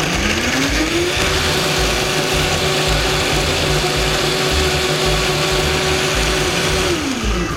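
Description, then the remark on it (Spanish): A blender whirs loudly and steadily as it blends tomatillos with no added liquid, its motor rising in pitch as it spins up and dropping back down near the end, with a chunky grinding texture throughout and no talking. “Vamos a llevar esto a licuar. Ahorita no agregamos nada de líquido.”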